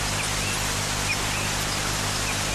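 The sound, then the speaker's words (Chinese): A waterfall rushes in a steady, unbroken hiss and roar that holds the same loudness throughout, with no voices and only faint high flickers over the constant wash. “眼前的瀑布就说明了一切，而这个地方就是我们下一个要去的地方。”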